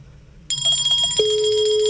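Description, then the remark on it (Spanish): A phone line starts ringing abruptly a moment in during an outgoing call, with bright, sustained electronic tones that hold steady, joined shortly after by a constant lower tone. No one speaks. “Está sonando. Papá Noel, su campana está sonando.”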